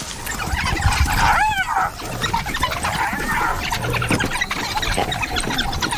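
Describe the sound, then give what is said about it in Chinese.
About ten African wild dogs harassing a spotted hyena that has hidden under a tour vehicle, very close to it: sharp rising squeals and yips break out over a dense, restless background of scuffling and chattering noise. “非洲野犬还在威吓斑鬣狗，斑鬣狗在车下面，它躲到车下了。”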